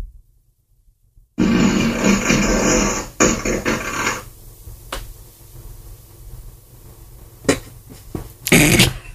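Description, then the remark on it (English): A fart sound effect plays from a small smart speaker after a spoken voice request: one loud, long sputtering blast of about three seconds, followed by a quieter rumbling tail and two brief bursts near the end, with no talking. “Alexa, ask for a fart.”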